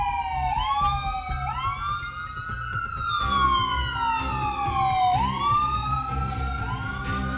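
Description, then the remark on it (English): An ambulance siren wails on the road, its pitch sweeping up and down in slow, repeating cycles, loud, over a steady low rumble of engine and traffic. It is one of two new ambulance units bought with help from the state ambulance service and delivered to Greene County, working on the road. “In fact, two new ambulance units were purchased with help from the state ambulance service. As you can see, one is already on the road working.”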